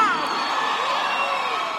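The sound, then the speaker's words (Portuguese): A concert crowd in Uberlândia cheers and shouts, a dense, steady roar of many voices with high whoops and yells rising through it, holding loud and unbroken for the whole moment. “Faz barulho aí, Uberlândia, que eu quero ouvir!”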